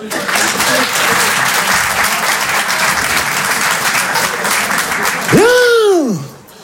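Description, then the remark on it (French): A large audience at a stand-up comedy show applauds steadily for several seconds in answer to the performer's question, a dense wash of clapping, then a single loud whooping cheer rises and falls as the clapping cuts off. “Par applaudissement, qui a déjà lu du Racine?”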